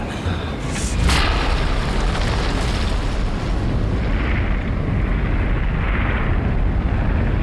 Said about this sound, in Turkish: Bu başka bir çığ. Büyük bir tane.